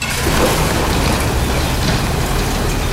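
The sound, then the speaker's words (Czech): A loud, steady roar of waste rock pouring down the first of four shafts of the ČSM mine in the Karviná region, Czech Republic, as it is filled in, falling nearly a kilometre deep; a continuous rushing rumble with gritty hiss on top and no pauses or voices. “Zasypává se první ze čtyř jam a hlušina padá dolů do téměř kilometrové hloubky.”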